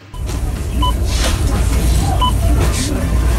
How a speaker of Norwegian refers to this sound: Bilen min lager slik vinelyr i svinga. Ja, det er nok at du kjører på feil dekk for årstiden.